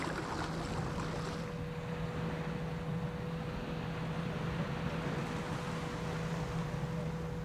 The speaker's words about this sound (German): Nach Feierabend geht es mit dem Boot zurück nach Hause. Ein schöner Arbeitsweg.